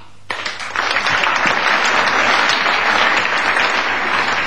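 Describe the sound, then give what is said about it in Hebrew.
A group of people clapping their hands together in unison after being counted in, bursting in abruptly after a brief quiet moment and continuing as a loud, dense, steady wash of claps without any voices. “חברים, נתחיל במחיאות כפיים כולם כאיש אחד.”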